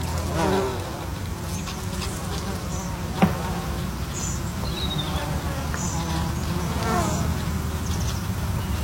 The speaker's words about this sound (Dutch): Jenny Kramer wandelt bij de Mui op Texel en ziet de hommels en bijen op de bloeiende watermunt